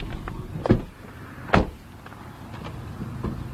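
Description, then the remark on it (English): Steady low road rumble fills the cabin of a moving car driving about 50 feet in front of a large magnet being transported by road, broken by two sharp knocks or rattles, with no one speaking. “We've been traveling in a car pretty much about 50 feet in front of the magnet.”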